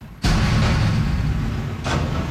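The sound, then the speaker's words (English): A loud metallic slam hits suddenly as a metal recycling bin is slammed into the back of a garbage truck during waste collection before 6 a.m. in Saint-Hubert, followed by a heavy rumbling truck engine and a second clanging crash near the end, forceful with no voices. “A metal recycling bin slammed into the back of a truck, one of three that passed by Chemin Chambly and Gaétan Boucher Boulevard before 6 a.m.”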